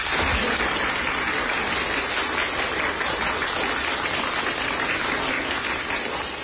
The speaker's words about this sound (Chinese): 嗯， 最后一把，准备又乐又鼓掌。 好， 开始啊！ 没问题， 准备录音。 哎， 预备，鼓掌！